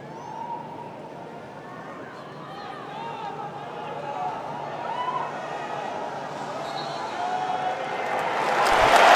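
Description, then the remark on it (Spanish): A large stadium crowd in Dallas, Texas, murmurs steadily, then the noise gradually swells into broad applause and cheering that grows loudest in the final second, after a minute of silence for Venezuela as the match is about to kick off. “Aplausos que caen en Texas, en Dallas, va a arrancar el partido.”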